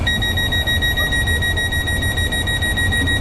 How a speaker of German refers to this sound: Geräusche können einem aber auch einmal verschrecken, zum Beispiel eine Sirene.